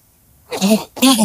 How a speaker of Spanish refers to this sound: Ahora yo ando con una tos más o menos.